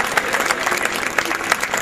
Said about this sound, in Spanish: Mierda, creí que no iban a aplaudir.